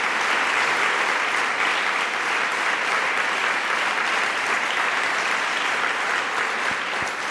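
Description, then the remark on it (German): Sustained audience applause for Jürgen Boos, a dense steady patter of many hands clapping at an even loudness throughout, with no voices standing out. “Ich freue mich wirklich sehr über Ihren Applaus für Jürgen Boos.”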